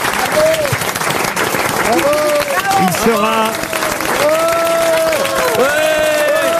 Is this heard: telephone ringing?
no